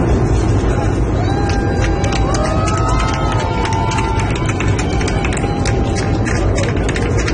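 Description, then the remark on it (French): A crowd of airplane passengers on a flight to Miami, watching the Tampa versus Montreal Canadiens match in mid-air, cheering and clapping over a steady low rumble, with a dense wash of overlapping shouts and rapid claps that stays loud and constant throughout. “Faut imaginer l'affaire quand même en plein ciel comme ça et les gens qui applaudissent.”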